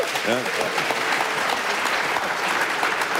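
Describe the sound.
Steady, dense applause from a sizable audience in Berlin, clapping to show who has signed the petition for a car-free Berlin, fills the whole stretch, with a brief voice cutting in near the start over the clapping.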